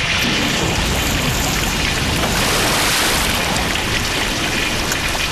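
Water floods an entire home cellar with a loud, steady rushing roar, dense and unbroken for the whole stretch, with a rain-like hiss on top and no voices.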